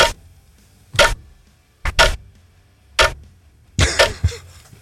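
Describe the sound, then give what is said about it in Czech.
A watch ticks loudly, sharp clicks landing about once a second, sometimes in quick doubled pairs, with a faint low hum between them and no voices. “A to je velmi zajímavé, protože svátek mají také, představ si, hodinky.”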